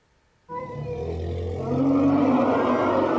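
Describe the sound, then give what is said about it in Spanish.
Sumatran elephants at the Madrid Zoo trumpeting and bellowing loudly as the female Cintia gives birth to a calf, a harsh, sustained blare that bursts in suddenly after a brief quiet and swells even louder toward the end, with no talking. “Las hembras de la manada emitían sonidos estridentes cuando Cintia, la parturienta elefanta, expulsó con un golpe seco a su cría con este grito desgarrador.”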